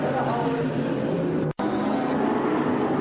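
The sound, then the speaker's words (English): Onboard audio from Anthony Vince's race car: the engine drones steadily with a harmonic roar, then cuts out abruptly for a split second midway before surging back, a brief throttle hesitation in an otherwise loud, continuous run. “You can just hear the hesitation in the throttle.”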